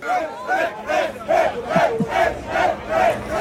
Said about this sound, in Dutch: Ja, dat is het gejuich bij het team van onze eigen Jeroen Blekemolen, die in de zogeheten SP10-klasse won.